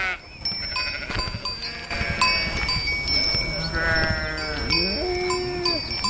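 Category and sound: animal, ewes bleating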